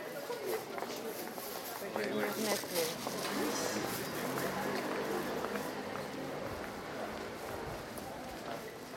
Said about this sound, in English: We can hear that there are some people walking on the street as well.